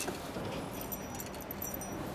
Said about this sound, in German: Kleines Geschenk. Dein eigener Schlüssel.